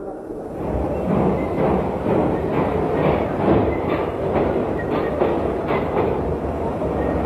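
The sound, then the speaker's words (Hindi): A train with an engine in front and coaches behind starts moving after a green flag signal, rolling steadily along the tracks, its dense rumble filling the scene with a faint rhythmic clatter of wheels over rail joints, continuous throughout. “अरे हाँ, रेलगाड़ी तो चल रही।”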